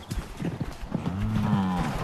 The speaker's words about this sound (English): after 5 months in their winter barn, we could finally put the cows back in their fields. Look at them, excited cows, free. So happy.